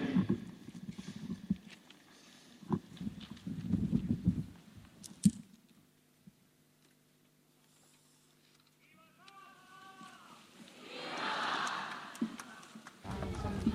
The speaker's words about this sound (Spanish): No sé si lo escuchan de fondo, supongo que sí, ¿no? Y estos aplausos de estas casi 40.000 personas aplaudiendo.